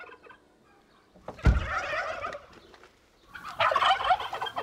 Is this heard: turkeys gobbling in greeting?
yes